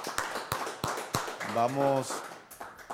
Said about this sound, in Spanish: Quiero que, así mismo como lo recibimos, lo despidamos con un fuerte aplauso a nuestro hermano el pastor